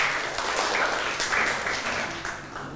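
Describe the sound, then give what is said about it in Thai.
A class of students claps together for group 5 in a steady, dense patter of applause lasting a few seconds. It is moderately loud and sustained, then tapers slightly at the end, with no talking over it. “เดี๋ยวเริ่มจากกลุ่มที่5ก่อนเลยนะครับกลุ่มที่5ปรบมือให้กลุ่มที่5ก่อนนะครับ”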